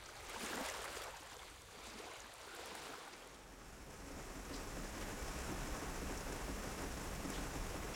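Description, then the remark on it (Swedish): Steady rain patters against a window, a dense, continuous hiss of drops that grows slightly louder and fuller after the first few seconds, with no voices. “När jag vaknar nästa morgon smattrar regnet mot fönstret.”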